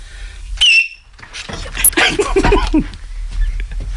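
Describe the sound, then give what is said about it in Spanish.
A single loud, shrill human whistle by Miki Nadal, brief and high-pitched with a slight downward slide, followed by a stretch of rough, noisy sounds and a faint tick of an even higher tone. “Baja el micro, que va a silbar Miki Nadal.”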